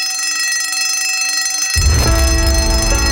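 A loud, continuous bell rings without pause, its bright metallic tone steady throughout, joined partway by a low rumbling, noisy wash underneath.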